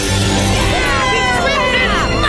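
A loud, dense rush of clinking and jangling as Frank FM dives headfirst into a giant pit of gold coins, with swirling tonal sweeps layered through it for about two seconds.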